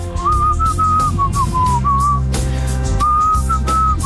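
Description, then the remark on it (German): A person whistles a pop song melody for a song-recognition quiz in clear, sustained notes, fairly loud, with a short pause in the middle and steady backing music underneath. “Heute war es Gepfeife.”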